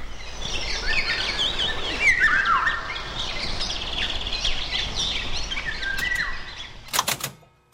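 Eurasian golden oriole song rings out among a busy dawn chorus of other birds, with fluting whistles and chirps layered over soft outdoor ambience and a brief clicking near the end.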